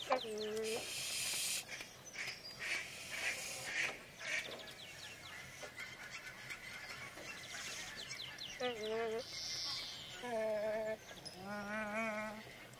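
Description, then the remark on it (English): Nene Hawaiian geese calling in repeated soft, nasal honks and moans, several birds with brief pauses, over a busy background of rustling and other faint bird chatter. “Behind me, from BBC Sound Effects Library 6, Nene, the Hawaiian goose.”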